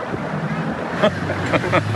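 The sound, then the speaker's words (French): A small rented motorboat carrying a sailor's family out to meet him at a race finish drones steadily on open water while wind buffets the microphone, with a few brief splashy bursts and indistinct voices now and then. “La famille de … a loué un petit bateau pour venir à sa rencontre sur l'eau”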